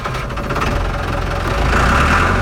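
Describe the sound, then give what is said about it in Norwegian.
A tractor engine runs steadily, a loud low rumble with a faint knocking pulse that swells slightly toward the end, as Senterparti leader Vedum fills tax-free diesel into his tractor at his farm at Ilseng. No one speaks. “Vedum fyller avgiftsfri diesel på traktoren sin hjemme på gården på Ilseng.”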